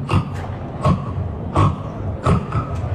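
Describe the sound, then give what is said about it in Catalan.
Real people's voices mimic a pig with a run of rough, snorting grunts and short squeals, about six loud bursts at uneven intervals, with no talking. “Aquesta, això que escoltareu és penya de veritat fent de porc.”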